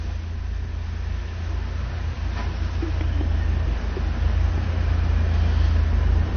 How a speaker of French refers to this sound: Un camion jaune vient de la rue où nous nous trouvons, le camion de livraison de boissons démarre, le boucher de la boucherie Nivernaise démarre.